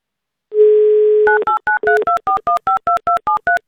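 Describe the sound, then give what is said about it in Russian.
A steady dial tone hums for about a second, then a quick run of about eleven short, evenly spaced two-pitch touch-tone beeps as the radio station Avtoradio dials a listener's phone number. “А прямо сейчас мы возьмем вам, да и позвоним.”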